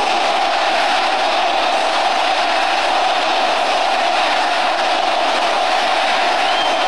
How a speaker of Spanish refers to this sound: Bueno, ahí se alcanza... Ahí se alcanza a escuchar los gritos.